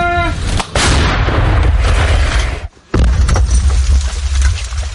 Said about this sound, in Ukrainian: Гармата насправді дуже гучна і потужна. Гармата! У бліндажі під час кожного пострілу сиплеться пісок.